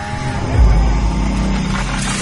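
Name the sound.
chainsaw cutting trees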